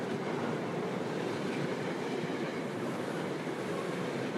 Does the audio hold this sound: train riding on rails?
yes